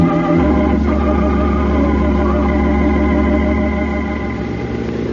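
A truck engine turns over and settles into a loud, steady rumble, its deep tone holding fairly even with slight swells. No voices are heard.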